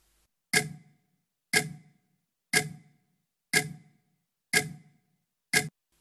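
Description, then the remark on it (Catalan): A clock ticks steadily, six crisp, resonant ticks spaced about a second apart, each with a short ringing decay. Clear, with nothing else in the background. “Evidentment és el tic-tac.”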